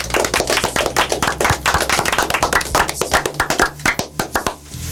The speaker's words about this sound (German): Auch für euch einen Applaus.